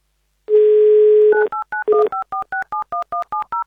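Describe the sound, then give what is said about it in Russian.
A steady dial tone plays for about a second, then a quick run of about a dozen crisp two-pitch touch-tone beeps as a phone number is keyed in to call a listener in Smolensk Oblast during the Avtoradio radio game "Mnogo deneg", with no voices. “Звоним, ждем гимн Авторадио.”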